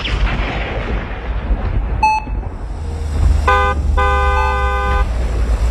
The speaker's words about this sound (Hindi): Horn कौन हो सकता है?